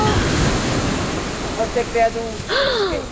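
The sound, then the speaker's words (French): Rough sea surf roars steadily with gusting wind across the whole stretch, a dense rushing wash, while brief tonal cries or voice-like sounds rise over it near the end. “Et la mer. Voilà la mer. Et quelle mer! Très agitée, elle rugissait et le vent coupait le souffle, plaquait les vêtements contre le corps et soulevait les cheveux du front.”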